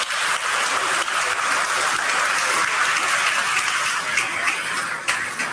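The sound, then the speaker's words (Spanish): An audience at a Mother's Day Mass applauds the mothers, who are standing, a dense wash of many hands clapping at once that holds at an even, fairly loud level for several seconds with no speech over it. “Un aplauso a las mamás.”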